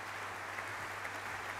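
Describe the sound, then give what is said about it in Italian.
A concert audience applauds steadily, a dense wash of many hands clapping at once, holding an even level throughout, with no voices. The applause follows violinist Hilary Hahn's encore at a Radio France Occitanie Montpellier concert. “Ancora tanti applausi.”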